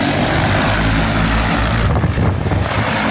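A steady, loud whirring drone of several crop-spraying drones' rotors spraying wheat at the grain-filling stage in Taishan Town, Xinxiang, Henan Province, China, a continuous buzzing hum overhead with low tonal layers and no voices.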